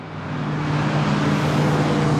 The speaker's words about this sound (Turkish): Geçen araçları dinleyip araç tipini tahmin etmeye çalışıyoruz. Dört araç geliyor. Tamam. Yaklaştılar.